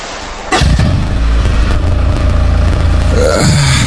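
A motorbike engine kicks in abruptly and runs steadily with a deep, throbbing low rumble and a slight rev, loud and continuous with no voices.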